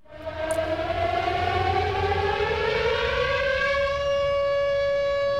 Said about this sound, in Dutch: U hoort een sirene. Dat is geen toeval. Vandaag immers neemt het kabinet Lubbers het besluit om in Nederland 48 kruisraketten te plaatsen.